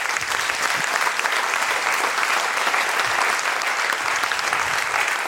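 Sustained audience applause, a dense, steady wash of many hands clapping at an even loudness for several seconds, with no voices standing out above it.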